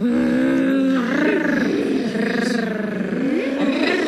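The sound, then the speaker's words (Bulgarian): Children's voices growl and roar in imitation of wild animals, a continuous, fairly loud stretch of throaty, rumbling snarls that rise and fall for about four seconds. “И децата започнаха да ръмжат.”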